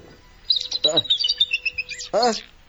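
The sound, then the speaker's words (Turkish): Canaries in a cage sing in quick, high-pitched trills and chirps, a busy warbling run of bright notes, with a brief human voice breaking in at moments. “Bu kanarya sesleri de nereden geliyor?”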